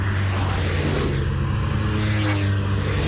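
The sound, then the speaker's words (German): Loud, steady road traffic rumbles around a traffic island, with engines droning and cars sweeping past one after another in a continuous wash of noise, no voices. “Das Ding-Reporter Marco chillt gerade an einer Verkehrsinsel.”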